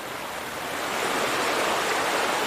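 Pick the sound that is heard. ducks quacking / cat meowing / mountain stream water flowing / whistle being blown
mountain stream water flowing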